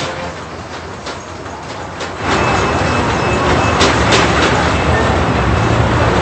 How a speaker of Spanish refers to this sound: le presentamos por ejemplo el audio de un video de cómo por ejemplo se siente un edificio y los vidrios, cómo se sacuden. Vamos a escuchar, aquí le ponemos la señal.